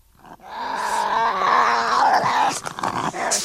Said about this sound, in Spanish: Resopla por la nariz, supongo que tendrá nariz. Y no lo está pasando muy bien.